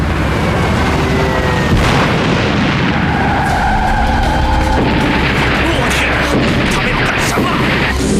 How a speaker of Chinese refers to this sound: 委员长乘坐的汽车在嘉定附近遭到日机的轰炸。 就在两个小时前，下午2:10左右，英国大使馆的车队在靠近上海嘉定的路面上，突然遭遇了日军两架战斗机的袭击，3辆均被毁。